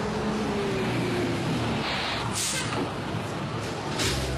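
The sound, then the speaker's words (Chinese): A large Route 5 city bus rumbles as it pulls into the stop and slows, its engine droning low, with sharp bursts of air-brake hiss partway through and again at the end. “五路公交车马上就要进站了，请大家集结排好队。”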